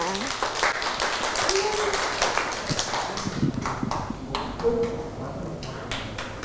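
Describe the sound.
A class of children clapping their hands at their teacher's request for a classmate, in a quick, uneven patter that goes on steadily for several seconds, with some faint voices mixed in.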